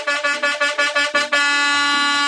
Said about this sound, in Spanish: A ver, los señores camioneros, ¿cómo estamos? Eso ahí, ahí sonando el claxon, sonando.